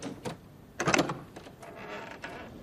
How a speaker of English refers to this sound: He twists the knob, pushing open the door.